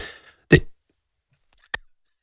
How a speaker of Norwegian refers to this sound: Unnskyld, jeg måtte hoste litt.